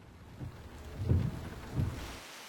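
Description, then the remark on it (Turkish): Steady rain hisses throughout, with deep rumbles of thunder rolling in twice, around the middle and near the end, before the downpour tapers off abruptly. “Sanırım yağmurluk gerekecek.”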